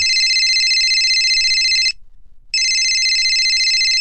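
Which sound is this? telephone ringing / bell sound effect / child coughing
telephone ringing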